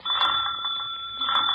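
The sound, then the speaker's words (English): A doorbell rings in one continuous, steady burst, a bright buzzing ring held for over a second, clear with no voices over it. “Where's the bell?”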